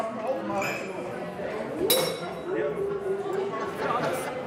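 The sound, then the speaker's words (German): Glasses clink together in a toast at a village festival, a bright ringing chime standing out over busy overlapping chatter and voices. “Prost, Herr Chef. Prost. Prost. Prost.”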